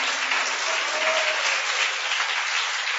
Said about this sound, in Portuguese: Bate as palmas para Jesus, Curitiba.